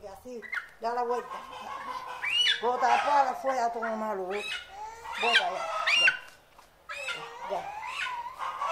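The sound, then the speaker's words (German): A chicken, held by its claws during a ritual cleansing, squawks and clucks agitatedly in repeated bursts for several seconds, its cries overlapping with a person's voice. “Dann nahm sie das Huhn bei den Krallen und wiederholte das Ritual.”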